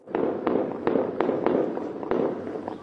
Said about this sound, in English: There are reports of heavy gunfire in the province of Sistan and Balochistan. Witnesses say the fighting began early on Saturday after military and security forces were deployed to the area.